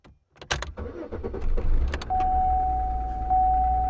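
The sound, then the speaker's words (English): A key turns with a sharp click in a car's ignition, then the car engine cranks in quick churning bursts before catching into a steady idle, while a continuous electronic warning tone sounds over it. “You start the car and some little light pops up on the dashboard.”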